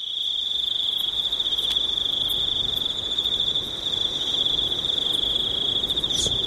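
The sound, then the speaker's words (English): Crickets chirp steadily at Forsyth Barr Stadium in a dense, continuous high-pitched trill that never lets up, with a faint low rumble of outdoor background noise and no voices. “They're going to have to do something about those crickets there.”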